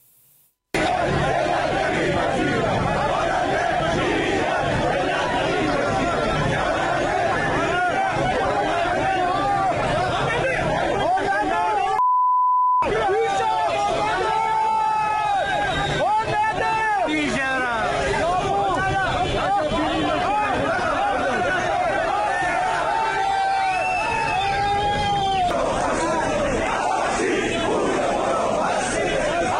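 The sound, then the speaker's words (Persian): A large protest crowd in front of the Ministry of Industry, Mine and Trade building in Tehran fills the air with loud, continuous chatter and overlapping shouts, voices rising and falling together, with a brief break midway before the noisy gathering resumes. “این تجمع امروز مقابل ساختمان وزارت صنعت، معدن و تجارت در تهران برگزار شده.”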